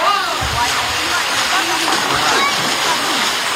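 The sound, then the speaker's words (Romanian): Steady splashing and rushing of the cold water of the Crișul Repede river at Șuncuiuș, where people cool off during a heat wave. The sound is loud, with indistinct voices of people mixed into the background. “Apa rece a crișului repede i-a convins pe mulți.”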